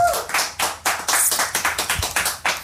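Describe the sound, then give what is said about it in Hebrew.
Steady rhythmic clapping, about five or six sharp claps per second at a moderate level, with no voices over it, like a round of applause, given at an awards show as an album-of-the-year award is announced. “בחיות כפיים.”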